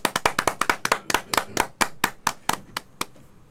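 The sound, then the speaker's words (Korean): Audience applause at a vocal concert before an opera duet with piano, made of distinct, sharp claps in an uneven rhythm, clear, gradually thinning and fading toward the end, with no talking. “박수!”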